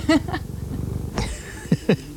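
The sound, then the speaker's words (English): A cat purrs in the morning in a low, steady rumble that fades partway through, with a few short, sharp chirps breaking in. “Wow, that's a good purr this morning.”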